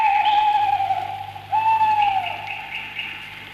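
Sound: owl hooting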